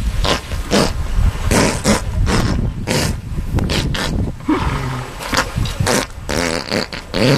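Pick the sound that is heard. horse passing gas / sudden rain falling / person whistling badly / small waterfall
horse passing gas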